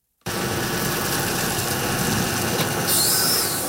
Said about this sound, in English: The Israeli-Gaza border last week. Heavy trucks hauling supplies and military equipment into a large area closed off by barbed wire.